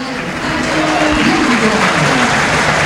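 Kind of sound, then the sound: crowd, stadium crowd applause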